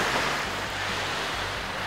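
Gentle waves wash steadily onto a Baltic Sea beach at Zinnowitz in fine weather, a continuous soft rushing surf with a low rumble underneath, with no voices.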